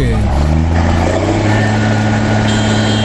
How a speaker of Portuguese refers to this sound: Ah, tá buzinando, os caras gostam, velho. Aí, ó, buzinaço, tá bom. Mas pode dar buzinada também, não tem problema não.